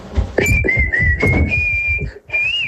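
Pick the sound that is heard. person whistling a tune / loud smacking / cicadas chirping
person whistling a tune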